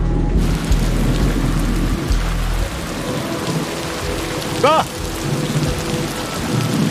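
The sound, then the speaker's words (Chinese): Heavy rain pours down in a steady, dense hiss with a deep rumble underneath, and a voice briefly calls out once partway through. “哎呦，这大下雨天的，你下班了？”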